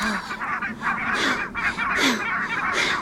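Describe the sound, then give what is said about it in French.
Repeated loud, nasal honks of a barnacle goose in quick succession, overlapping, with a busy rushing background as the bird takes off. “Oh zut ! L'oiseau s'est envolé !”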